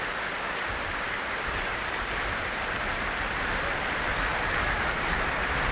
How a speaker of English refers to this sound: Well, a vast crowd gathered here in the Royal Albert Hall this Sunday evening, and as you can hear, an encore is being demanded.